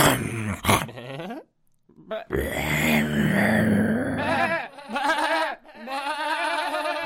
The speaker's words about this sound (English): It was a wolf.